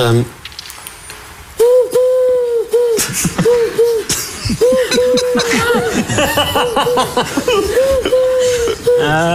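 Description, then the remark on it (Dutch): A parrot mimics a dove, giving loud, repeated cooing notes in quick bursts, the soft hooting coos tumbling over one another with brief gaps between phrases. “Dat is een papegaai die een duif nadoet.”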